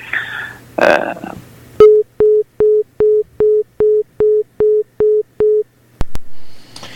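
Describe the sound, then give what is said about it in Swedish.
A telephone busy tone after a phone call disconnects repeats in a steady rhythm, about a dozen short, evenly spaced beeps, loud and clear after a brief burst of noise, ending with a couple of clicks. “där försvann Boris, åtminstone i tillfället. Vi får hoppas att han kommer tillbaka”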